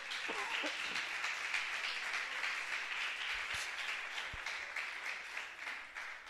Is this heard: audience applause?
yes